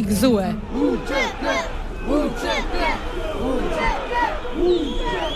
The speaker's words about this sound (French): Entre drapeau albanais et kosovar, la foule crie son indignation.